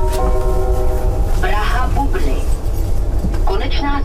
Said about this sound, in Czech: Tohle hlášení nově slyší někteří cestující z Kladna a Kralup nad Vltavou.